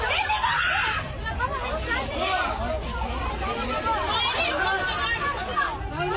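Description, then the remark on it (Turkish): A crowd of passengers wearing life jackets shouts and screams in panic on a ship sinking off Girne, many overlapping voices at once, loud, with frantic chatter continuing throughout. “Can yeleği takmış yolcuların panik içinde çığlık attıkları görüldü.”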